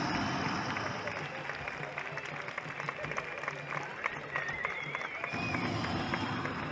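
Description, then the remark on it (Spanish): Sustained applause from a large audience fills the whole stretch, a dense, steady wash of clapping with crowd murmur and voices mixed in underneath. “Bueno, esto se merece un aplauso superior, ¿o no?”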